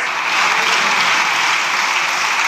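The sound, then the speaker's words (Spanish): A parliamentary bench of people applauding together, a dense, steady wash of clapping that holds at a loud, even level for the whole stretch, with no voices heard over it. “Ay, está Miguelito Tellado, ay, la bancadita, ching, aplaudiendo, están emocionados, van a ser presidentes todos.”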